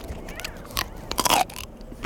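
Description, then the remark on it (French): Crisp crunching as someone bites into a raw violet artichoke from Provence, its outer leaves peeled off, a few sharp snaps followed by a louder burst of crunchy chewing, with no talking. “C'est croquant, c'est sucré, il y a une légère amertume. Et on arrive même à manger la feuille jusqu'au bout.”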